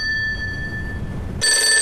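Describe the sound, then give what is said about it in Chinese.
A telephone bell rings with a call from Chen Jicheng, a thin steady tone that swells into a loud, bright jangling burst near the end, with no one speaking. “是陈继承的电话。”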